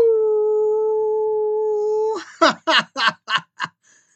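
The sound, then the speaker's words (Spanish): A voice gives a long, steady howl lasting about two seconds, followed by five short, rhythmic yelping bursts, fairly loud, sounding like a person imitating a canine howl. “Como les dije, es un gustazo el estar con ustedes y quiero enviarles un gran saludo, un gran aullido.”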